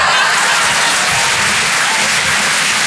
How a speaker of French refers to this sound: Applaudissements.